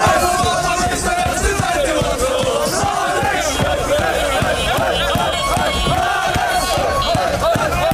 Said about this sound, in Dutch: En Marokkaanse supporters hebben vanochtend feest gevierd in Limburg. Marokko versloeg Nederland vannacht op het WK voetbal. En toch vierden de supporters dit op een Nederlandse manier.